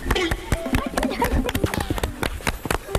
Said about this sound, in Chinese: 我和大姐脚下的这片梯田看似平平无奇，但是底下暗藏玄机。咱俩一起拍拍手啊，一二三。